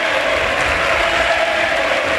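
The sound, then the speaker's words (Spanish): Sustained standing ovation from a large stadium crowd at Butarque, the whole stadium on its feet as Sergio Camello is substituted off; a dense, steady wash of clapping and cheering with no clear voices standing out. “Ojo, chicos, porque ovación en Butarque, todo el estadio de pie para la retirada del bigoleador y pichichi de la Liga, Sergio Camello, para que entre Alemão y también se retira, mira.”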